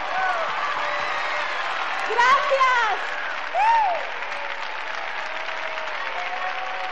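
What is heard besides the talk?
audience applause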